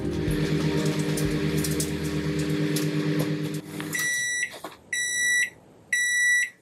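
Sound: microwave oven beeping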